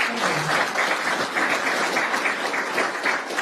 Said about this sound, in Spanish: Así que por favor un aplauso también para...